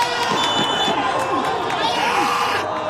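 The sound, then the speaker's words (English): A steady wash of crowd noise at a local Iraqi Chaldean League soccer match, the first game of the summer, with a goalie's loud shouting rising repeatedly over the constant background chatter and calls. “One of the goalies is yelling so much, you'd think this was an actual World Cup match.”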